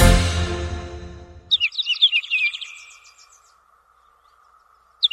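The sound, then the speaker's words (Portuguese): A sustained musical chord fades out, then a small bird twitters in a quick, bright burst of morning chirps for a couple of seconds, followed by silence and one last short chirp. “A palavra falada vem no revoar dos pássaros pela manhã, iluminada pelo sol da justiça.”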